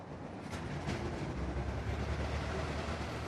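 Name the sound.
high-speed train passing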